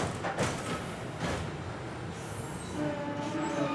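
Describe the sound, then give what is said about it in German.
Old tram cars, well kept and still in daily service, rumble and jolt strongly along the rails during a ride, a steady loud low clatter with sharp knocks near the start and a thin wheel squeal creeping in toward the end. “Wir machen eine Fahrt mit dem alten Vehikel. Die Wagen ruckeln kräftig, aber sie sind gut in Schuss und verrichten tagtäglich ihren Dienst.”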